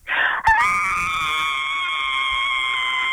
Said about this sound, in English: One more scream for us.